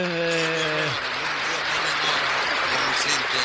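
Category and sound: crowd, audience applause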